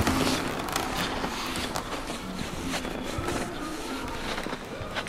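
Steady footsteps crunch through deep snow at an unhurried walking pace in a birch forest around a cabin at Thunder Mountain, fairly loud, each step a short gritty squeak against a soft background hiss with no one speaking.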